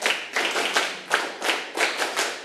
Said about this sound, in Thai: เด็กๆเงยหน้าขึ้นมาปรบมือ1ครั้งปรบมือ1ครั้งปรบมือ2ครั้งปรบมือ5ครั้งปรบมือ10ครั้ง